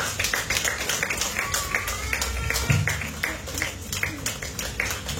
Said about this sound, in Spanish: Dale una ofrenda de palmas fuerte, gente.